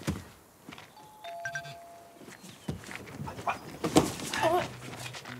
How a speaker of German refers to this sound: Naja, ich klingel mal.